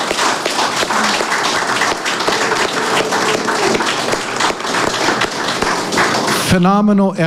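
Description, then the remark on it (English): Sustained applause from a large audience at an event for Hawike, KKCR, Malama Kauai and the other organizations that put it together: a dense wash of many hands clapping for several seconds, ending as a voice begins speaking. “One more time I want to ask you all to give a round of applause to Hawike, KKCR, Malama Kauai, and all the organization that put this together.”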